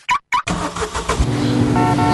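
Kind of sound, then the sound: vehicle, car engine revving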